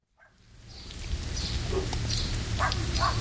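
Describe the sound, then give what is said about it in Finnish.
Dogs bark a few times in Kursu village in Salla, short scattered yelps over a steady, rushing outdoor background that sounds like rain or wind. “Koirat haukkuu, kun viikon kylä saapuu Sallaan ja siellä Kursun kylään.”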